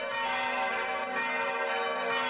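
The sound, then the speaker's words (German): The church bells of Bruchweiler ring together in a full peal, their overlapping tones forming a dense, loud, continuous wash of sound with no voices present. “Im Plenum, also alle zusammen, klingen die Glocken von Bruchweiler besonders opulent.”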